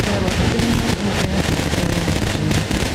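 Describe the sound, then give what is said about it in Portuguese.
Fireworks set off outside during a celebration go off in a loud, continuous barrage of crackling pops and bangs, with a few sharper bursts standing out above a dense roar and some low tonal sound underneath. “Pessoal lá de fora, os fogos agora, os fogos agora!”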